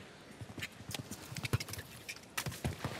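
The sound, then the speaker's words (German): A horse's hooves thud in a quick, uneven cantering rhythm, clear, with several heavier strikes toward the end and no voices, as the horse approaches a water jump. “Ah, die Unsicherheit schon auf den letzten Metern zum Anritt des Wassergrabens hin spürbar. Innerhalb des Pferdes.”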